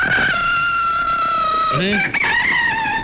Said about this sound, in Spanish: ¿Cómo está? Póngame el gallo.